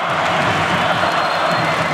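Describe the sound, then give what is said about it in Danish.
An arena crowd of about 20,000 spectators roars and cheers continuously with under two minutes left in a match. Most of them support the Danish champions, who are playing Barcelona. It is a dense, steady wall of voices with no pauses, loud and reverberant throughout. “Det er hovedparten af 20.000 tilskuere, der holder med de danske mestre, de danske double-winnere, som prøver at vinde det triple.”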